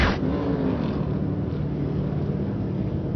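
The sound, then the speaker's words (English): A steady, loud engine roar from NASCAR Cup Series race cars on the track at Pocono Raceway, a dense rumbling drone with a low humming tone running underneath and no pauses throughout. “Back at Pocono Raceway, cars are pitting.”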